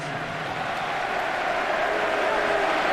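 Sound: stadium crowd applauding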